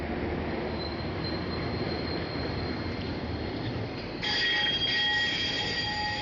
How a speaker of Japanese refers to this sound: 長崎県長崎市、ビルの間を路面電車が行き交います。